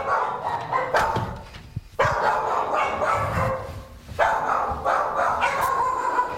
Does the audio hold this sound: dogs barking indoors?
yes